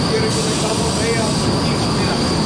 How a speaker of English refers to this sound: At a dairy in southwest Kansas, you will hear roaring fans to cool cows, power washers cleaning, and metal gates clanking.